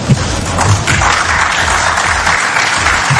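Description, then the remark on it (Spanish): Steady applause from journalists at a press conference, a dense patter of many hands clapping at once, fairly loud, with no talking over it. “Y es así como se fue Scaloni, entre aplausos de la prensa que estaba en la conferencia.”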